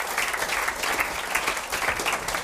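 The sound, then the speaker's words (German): An audience claps steadily in a dense, even patter of many hands, with no voices rising above it, as an interview guest, a chocolate maker from Birkfeld, is invited onto the stage. “Er kriegt natürlich auch einen Applaus.”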